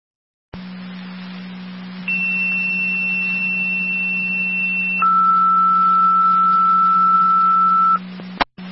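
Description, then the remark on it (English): Fire dispatch radio paging tones from Niagara County Fire Control to Youngstown for an EMS call, over a steady hum: a high tone holds for about three seconds, then drops to a lower tone for another three, and the transmission ends with a sharp click. “Additional tones at drivers requested for your EMS call.”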